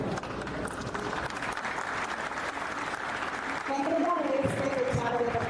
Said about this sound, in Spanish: Así que de verdad, un fuerte aplauso para él y para todos ustedes, de verdad que sí.